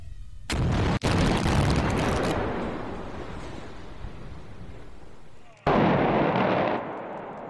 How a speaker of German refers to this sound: Zuerst zur Brückensprengung an der A45 heute Morgen. 160 Kilo Sprengstoff, aber die haben nicht gereicht. Nach dem großen Knall stehen noch einige Pfeiler der Talbrücke im Sauerland.